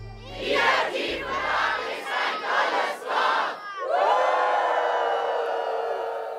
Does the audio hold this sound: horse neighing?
no